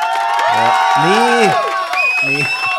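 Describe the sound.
A short burst of crowd applause and cheering, with several voices whooping and calling out over steady clapping, loud, lasting a few seconds.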